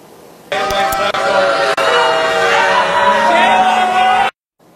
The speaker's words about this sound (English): At the very end, you can hear that loud booing, and that was the crowd's reaction when it was approved back in April by a 6-2 margin.